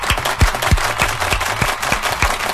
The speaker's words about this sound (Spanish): Tienes toda la razón, hermano. Te voy a dar tu aplauso. Fíjate.